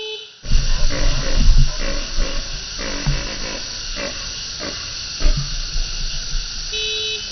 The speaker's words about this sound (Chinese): 工作人员一边卸草料，一边鸣喇叭，这是召唤麋鹿开饭的信号。